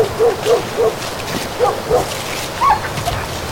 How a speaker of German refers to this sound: Und hör auf mit diesem Gekläffe!